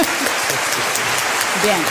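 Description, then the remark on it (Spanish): An audience claps loudly and steadily as those who prefer cold weather answer a request to applaud, a dense wash of many hands sustained throughout, with a few faint voices murmuring underneath. “Los del team del frío, a los que le gusta más el frío, que aplaudan fuerte, por favor.”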